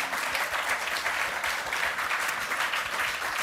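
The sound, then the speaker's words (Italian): Sustained audience applause in Piazza 20 Settembre welcoming the poet Caroline Duffy, a dense, steady crackle of many hands clapping at an even loudness throughout, with no voices standing out above it. “Caroline Duffy è qui e l'accoglierei con un applauso, tutto per lei.”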